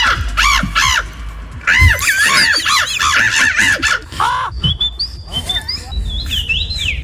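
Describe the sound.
At a bird-imitation championship, a person at the microphone imitates bird calls for a jury: a fast run of shrill, squawking chirps that gives way to thinner, sliding whistles, loud, with some low background noise underneath.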